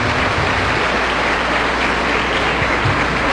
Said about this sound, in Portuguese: Merece uma salva de palmas mais forte, né?